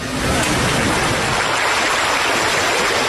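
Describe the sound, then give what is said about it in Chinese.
A small creek, the Dang Creek that divides Xiamei Village in two, flows steadily, its water rushing and babbling in a continuous, fairly loud wash from start to finish, with no voices. “这条将下梅村一分为二的小溪叫当溪，它原本只是一条自然形成的沟渠，水道十分狭窄，主要用于灌溉两岸的农田。”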